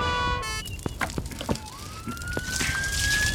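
A fire engine's siren wails as it drives past on its way to the mountain rescue station, its tone sweeping steadily upward over busy clattering and rumbling noise. Loud, with no one talking.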